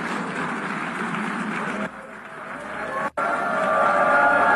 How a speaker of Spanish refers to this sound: Ahí están las protestas ya, el rechazo, el abucheo. Y lo dejan abandonando, se retiran en son de protesta. Se retiran de la sala de sesiones, ¿no?